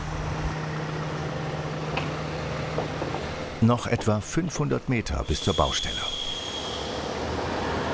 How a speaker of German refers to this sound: Hier ist es wirklich sehr eng, deswegen haben wir hier überall auch die Stahlplatten ausgelegt, damit der schwere LKW hier überall sicher rüberfahren kann und nicht aus Versehen die ganze Bankette kaputt macht und in den Graben sackt.